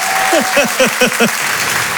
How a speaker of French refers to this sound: Faites du bruit s'il vous plaît, un tonnerre d'applaudissements